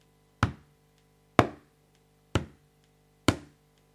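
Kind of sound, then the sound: sound effect, footsteps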